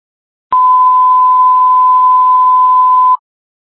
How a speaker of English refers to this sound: disregard those tones. Again, fire alarm, disregard those tones.